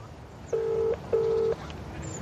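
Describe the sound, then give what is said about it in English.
Two steady touch-tone beeps from a phone keypad as a number is dialed, each lasting under half a second with a short gap between, clear over a faint background hiss. “But before we take off, I think I should just give Stephen a call.”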